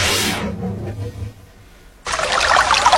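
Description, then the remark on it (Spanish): Water pours in a steady, splashing rush, fading out briefly before a louder, brighter stream of liquid resumes and runs to the end, in a radio advertisement for Alpes, zero-sodium water from Córdoba, Argentina. Fairly loud, with no voices. “Alpes, el agua de Córdoba con cero sodio.”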